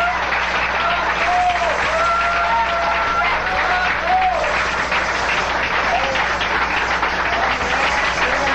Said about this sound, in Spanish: ¡Fuerte aplauso al Señor, hermanos! ¡Gloria a Dios! ¡Gloria al Señor!